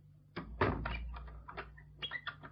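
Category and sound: household object, door being closed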